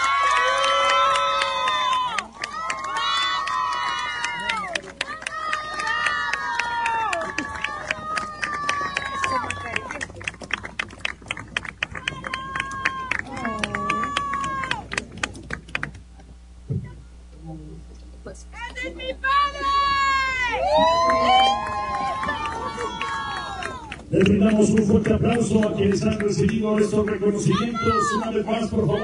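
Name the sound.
audience applause and cheering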